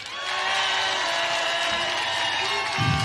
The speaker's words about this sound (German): kurz Applaus.